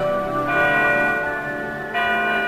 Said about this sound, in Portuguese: Ei, ei, ei, ei, solta lá os sinos. Atenção, povo de Deus.